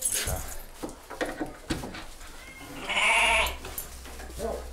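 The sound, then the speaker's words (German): Several goats bleat in short, nasal cries, with one loud, drawn-out bleat in the middle standing out over a busy background of rustling and scattered clinks. “besser muss, wieder zu den Ziegen.”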